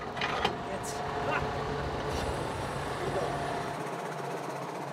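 A tractor's hydraulics raise and lower the coupling triangle (hitch) over a steady engine rumble, with brief whining and hissing bursts near the start before the drone settles; the tractor pulls a mobile stall.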